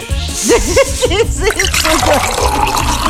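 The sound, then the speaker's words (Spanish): A voice imitates a running water tap and beer freshly poured into a glass, with a steady hiss under a quick series of warbling, bubbly vocal glides that continue fairly loud for a few seconds. “Cerveza recién servida en el vaso.”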